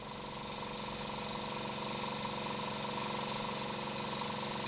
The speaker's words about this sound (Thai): หลังจากที่ว่าหอยหายเหนื่อย1อาทิตย์เราก็จะเอามาเจาะรูที่ก้นเนี่ยสำหรับร้อยเชือก